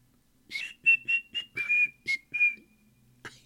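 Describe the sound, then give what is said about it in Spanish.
A short whistled tune of about seven clipped notes in quick succession, bright, with a faint low hum beneath and no talking. “Así va el silbidito.”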